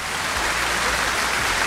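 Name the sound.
round of applause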